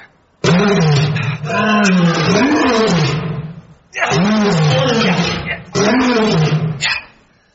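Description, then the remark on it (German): A huge lion among grapevines roars loudly in three long, rumbling bursts, each swelling and wavering in pitch with only brief pauses between them. “Was ist das? Hört sich an wie ein Löwe.”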